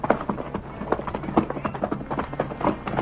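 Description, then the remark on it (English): Horses slipping and sliding down a steep path thud and scrape their hooves irregularly into loose, crumbling earth, several quick impacts per second, with a steady low rumble underneath and no voices. “The horses digging their hoofs into the crumbling earth.”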